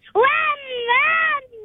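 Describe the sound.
A child in a car imitates a revving car engine in a high, buzzing voice, a sustained tone that swells twice with rising and falling pitch, then trails off into a lower hum.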